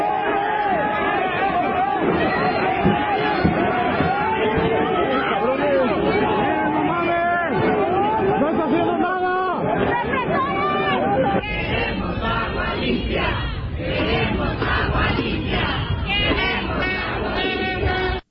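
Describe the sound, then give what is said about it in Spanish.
A protest crowd in Guadalajara and its metropolitan area shouts for clean water, many voices blending into a loud, continuous roar of overlapping calls that holds steady for the whole stretch, with a shift in texture partway through. “Sí, escuchamos bien, Una protesta que ocurre en Guadalajara y zona metropolitana. La gente fue a gritar por agua limpia”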